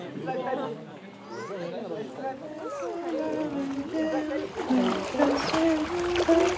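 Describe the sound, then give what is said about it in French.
Water splashes and churns as a small boat crosses a river, with several people chattering throughout and the splashing growing louder toward the end. “On promet sur la rivière, on passe sur bord en pension, on traverse la rivière, on passe sur bord.”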